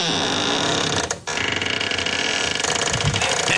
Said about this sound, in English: Now remember, this was a little kid who wanted to share her bedroom door. Yep. Howard Beach. And I'm going to let you listen to my squeaky door. Here it is. Get ready.